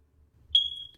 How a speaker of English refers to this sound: smoke detector chirps with a low battery signal. I mean, that is just understandable. I mean, this would bug anyone.